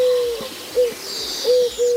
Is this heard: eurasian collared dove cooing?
yes